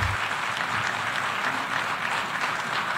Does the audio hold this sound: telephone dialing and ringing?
no